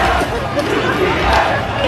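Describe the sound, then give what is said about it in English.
A dense crowd of Knicks fans on a street on the Upper East Side at night roars steadily, chanting "UPS" at a UPS truck pulled up to a light; voices blend into a loud, continuous chanting hubbub with no single voice standing out, sustained for the whole two seconds. “They're chanting UPS.”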